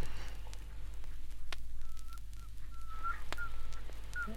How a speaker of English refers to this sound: joined in the booth with some birds from Iceland. This is the whimbrel.